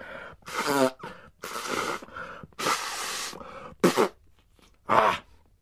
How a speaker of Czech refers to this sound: No, a potom si jeden klokan dokonce vyndal kapesník z kapsy a hlučně se vysmrkal.